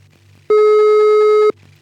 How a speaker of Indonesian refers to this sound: Oh masih berdering Sobat Bahana.